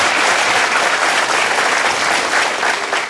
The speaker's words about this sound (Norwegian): Så stor applaus for at dere blir flinkere.